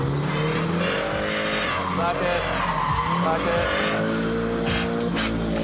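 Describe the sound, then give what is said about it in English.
A drifting car's engine revs hard with rising and falling pitch as tires squeal and skid continuously through a drift, the loud, steady roar holding for several seconds; the car has hardly any front bumper left. “There she comes. Go. Go, go, go, go, go, go, go. And clutch hammer it now. Back in the power.”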